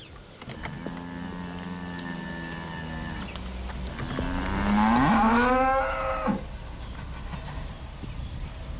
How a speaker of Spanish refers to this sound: Mugido de ganado vacuno que nos lleva hasta la localidad de Guinea. Este pueblo, que nos conocemos desde hace casi 2 años, pertenece al municipio de Valdegovía Gaubea.